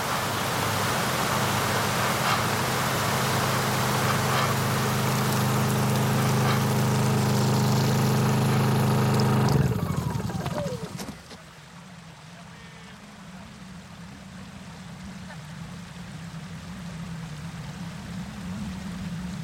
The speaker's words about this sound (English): elle met toute cette eau sous pression. Et en fait ça fait une sorte de gros karcher.